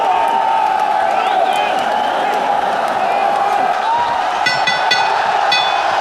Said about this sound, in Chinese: 而我相信现场观众们山呼海啸的助威声，也一定会让铁岩华的斗志更加的饱满。